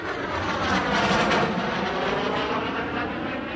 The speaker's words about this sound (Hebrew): באיזה שיר יש מטוס בהתחלה שהוא ממש ישראלי?